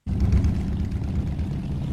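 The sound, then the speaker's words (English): A dense, steady rumble of thousands of motorbike engines running at once, gathered on the edge of Pakistan's border with Iran, kicking up dust in blistering heat, ridden by fuel smugglers. Loud, with a low throbbing drone that fills the scene and no voices. “On the edge of Pakistan's border with Iran, thousands of motorbikes are gathered together, kicking up dust in blistering heat.”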